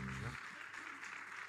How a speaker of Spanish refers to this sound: Demos gloria a Dios. Gloria a Dios. Gloria a Dios para siempre. Dele palmas de alabanza a Cristo.